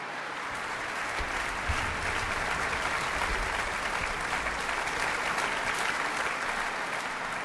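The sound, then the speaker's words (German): Sustained applause from a large concert audience for violinist Simone Lamsmann as she is handed a bright yellow sunflower, a dense, steady wash of many hands clapping at an even loudness throughout, with no voices standing out. “Und dazu bekommt sie jetzt gerade noch eine leuchtend gelbe Sonnenblume und noch jede Menge Beifall vom Publikum.”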